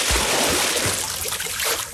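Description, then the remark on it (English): Steady splashing and sloshing of water as cormorants dive for fish, with a couple of soft low plops near the start as something breaks the surface. “Or cormorants in the water diving for fish.”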